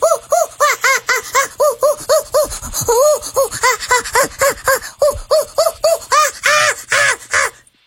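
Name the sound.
person imitating a monkey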